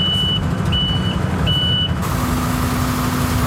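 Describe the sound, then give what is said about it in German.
A truck's reversing alarm beeps three times in a steady rhythm over a loud, rumbling diesel engine as it dumps sand in the city centre of Villingen-Schwenningen, then the beeping stops while the engine keeps droning. “Wir kennen das doch, der LKW klingt wie?”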